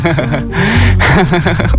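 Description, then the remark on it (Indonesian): A loud deep breath drawn in with an airy, gasping rush, mixed with brief voiced sounds. “Bentar ya, aku ngambil napas dulu deh.”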